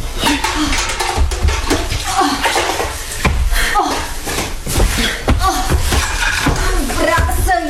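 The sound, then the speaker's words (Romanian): Continuous splashing and sloshing of water as blood is washed off hands, scrubbed and rinsed, with irregular bursts of louder swishing throughout, full and steady for several seconds. “Tu te speli cu apă, sângele de jos.”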